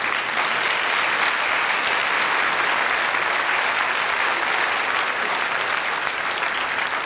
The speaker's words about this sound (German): Aber jetzt kommt erstmal dein Applaus.